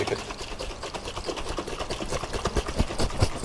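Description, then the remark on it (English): A bottle of slightly fizzy fermenting drink, not yet very alcoholic, is shaken hard, a rapid, steady sloshing and rattling with hissy fizz that carries on evenly for a few seconds, with no one speaking. “So you shake it now, so you can hear.”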